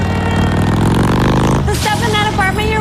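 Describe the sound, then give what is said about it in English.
A motorcycle engine revs with a steady, deep throaty roar for over a second, then someone starts talking while the engine keeps rumbling underneath. “And this awesome bike.”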